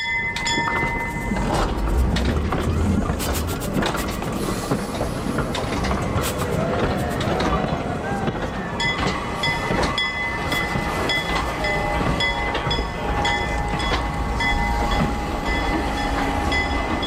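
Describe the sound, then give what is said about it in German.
A legendary historic steam locomotive, put back on the rails last year for a 200th anniversary, runs along the rails: a loud continuous rumble with clanking and rhythmic rattling, and high whistling tones ringing through at times. No one speaks. “Im vergangenen Jahr wurde die legendäre Lok zum 200-jährigen Jubiläum noch einmal auf die Schienen gesetzt, unter großem Jubel und mit viel Medienaufmerksamkeit.”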